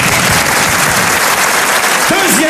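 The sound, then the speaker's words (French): Loud, dense applause from a crowd, steady clapping filling the whole stretch, with a voice briefly cutting in near the end. “on t'applaudit!”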